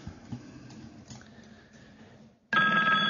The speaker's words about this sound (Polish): Aha, jeszcze telefon.